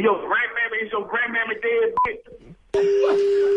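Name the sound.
telephone keypad dialing tones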